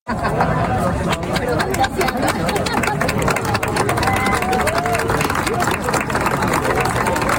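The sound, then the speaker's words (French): A dense crowd of about 300 to 400 people gathered for the sunset, including scouts from the Montreal Jamboree, babbles continuously: many overlapping voices form a steady, loud hubbub with no single speaker standing out, plus a low rumbling undertone throughout. “les gens sont rassemblés, il y a foule et il y a des applaudissements”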